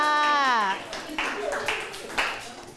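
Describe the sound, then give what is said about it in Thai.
A voice speaks briefly, then scattered clapping follows from a small group: a handful of uneven, moderately loud claps rather than sustained applause, as group 3 is invited out to perform. “ขอเชิญกลุ่มที่3ออกมาทำการแสดงได้เลยค่ะขอเสียงปรบมือดังๆให้กับเพื่อนค่ะ”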